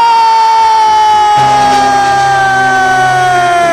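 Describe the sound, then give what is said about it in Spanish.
A loud, sustained basketball buzzer horn blares for several seconds in a basketball game, a harsh buzzing tone that sags slightly in pitch, while a crowd roar swells up beneath it partway through, as a shot at the buzzer brings the score to 89 points. “Sobre la bocina, Capitán América, para poner el punto número 89 en el marcador.”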